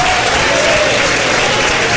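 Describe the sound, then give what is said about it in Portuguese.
A church audience clapping together in steady, dense applause, a loud continuous wash of hand claps with no pauses and no voices standing out. “Mas cadê as palmas também?”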